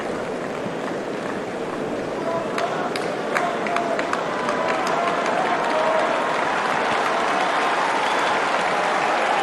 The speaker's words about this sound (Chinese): 现场的观众也是在给费里加油鼓劲儿。